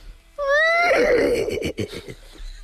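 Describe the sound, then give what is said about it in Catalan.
A person imitates a horse neighing: a loud, high wavering whinny that slides downward, then breaks into breathy, sputtering snorts that fade out over about two seconds. “Un cavall?”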